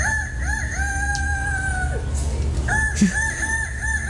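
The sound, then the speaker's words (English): A person, the first-place winner of a rooster-crowing contest, does a convincing rooster imitation: a loud, drawn-out cock-a-doodle-doo with wavering rises and falls, then a second crow, over a low background murmur. “I love everyone in the background going, oh, that is like a cockerel, isn't it? That is amazing.”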